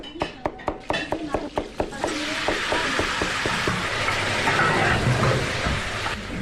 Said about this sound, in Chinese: 午饭时分，村里一对夫妻开的农家乐里飘出了饭菜香，主人在厨房里忙得脚不沾地，锅里滋滋作响。